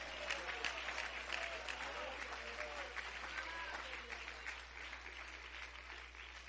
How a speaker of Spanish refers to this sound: No me deje aplaudiendo al pastor solo, no me lo deje aplaudiendo solo.